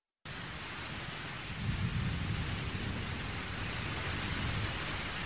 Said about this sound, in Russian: Вдруг вторично комнату осветила яркая вспышка молнии, и в ту же минуту прогремел гром, который на этот раз обратил на себя внимание Николая.